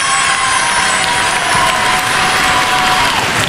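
A large audience applauds steadily as contestant number 4 is called up before a jury, a dense roar of clapping mixed with cheers and whoops, loud and sustained without a break throughout.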